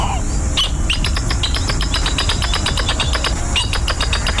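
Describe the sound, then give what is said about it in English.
A northern jacana gives a rapid series of sharp, chattering calls, evenly pulsed, over a steady low rumble of background noise with no talking. “Today's Talking Birds featured feathered friend. Scientific name, according to the biologist's handbook of pronunciations, Hicana spinosa. We call it the northern jacana.”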